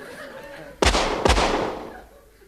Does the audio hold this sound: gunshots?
yes